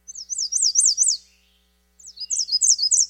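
An American Redstart warbler sings two short phrases of rapid, high-pitched, repeated notes separated by a brief pause, heard clear with no voices.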